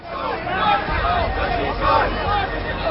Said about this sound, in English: Chanting slogans and waving placards, they're making their way to the Supreme Court, where they want to submit a petition about the removal of millions of names from voter lists.